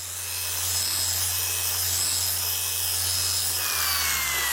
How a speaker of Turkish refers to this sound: Ön farı zımparalamaya başladığınızda şunu unutmayın. Bu malzeme polikarbonat ve üzerinde bir film var.